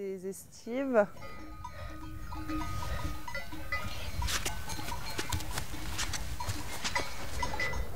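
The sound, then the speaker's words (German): A few wavering sheep bleats open the scene, then a flock's bells clink and jangle steadily over a low, busy rumble of shuffling animals, a flock on an alpine summer pasture (Alm). “Wenn alle Schafe im Nachtgehege sind, ist Feierabend.”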